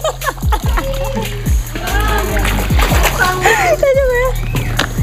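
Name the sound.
water sloshing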